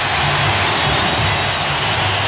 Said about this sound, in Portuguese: O estádio inteiro aplaudindo o Neymar. É de arrepiar. Neymar de volta. Ele vibra, agradece a torcida.